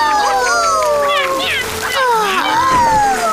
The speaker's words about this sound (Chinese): 我们准备好来一场降雨了。 请等一下。 好了，大西西，开始降雨吧。